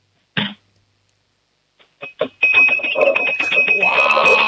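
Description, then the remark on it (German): A five-year-old girl taps a spoon rapidly and repeatedly against a drinking glass to make noise, building into a loud, continuous high-pitched ringing after a couple of quieter opening clinks, with voices mixed in. “Na dann, hätte ich gesagt, du laufst jetzt mal in die Küche, sagst zu Mama, wir brauchen ein Trinkglas und einen Löffel und dann machen wir mal ein bisschen Lärm, wir zwei Hübschen, hätte ich gesagt, oder?”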